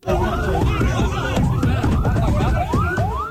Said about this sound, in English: An ambulance rushes an injured school child to hospital after the roof of a private school collapsed.